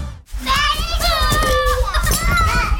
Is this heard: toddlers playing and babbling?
yes